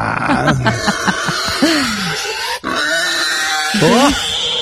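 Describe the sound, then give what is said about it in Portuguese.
Several pigs, let loose down below, grunt and oink in a busy, overlapping chorus, with rising squeals and snorts, continuing steadily through the whole stretch. “Sortaram os porcos ali embaixo.”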